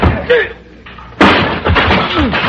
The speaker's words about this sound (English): That was beautiful. You knocked him down with the chair.